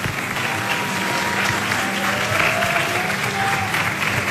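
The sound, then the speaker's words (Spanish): A crowd applauds loudly and steadily for contestants disqualified for a wrong answer in a competition round, a dense wash of clapping that holds an even level for several seconds without a break, with faint voices mixed in. “Entonces, les pedimos, por favor, a las que tuvieron la respuesta incorrecta, que se levanten y les demos todos un fuerte, fuerte aplauso.”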